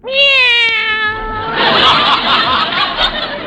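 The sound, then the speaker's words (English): A cat kept in a cage lets out one long, clear meow that slides slightly downward, then breaks into a rougher, breathy yowl for a couple of seconds, fairly loud with no talking. “Cats do that to mice, as a rule. Well, here they are. Meow.”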